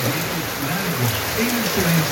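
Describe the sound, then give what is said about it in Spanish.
Heavy rain pours down in Cauquenes in a steady, dense hiss that fills the whole stretch, with a faint voice murmuring underneath the downpour. “Ya, oye, ahí nos mandan el video, está lloviendo bastante fuerte allá en Cauquenes.”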